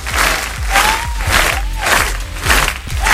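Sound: applause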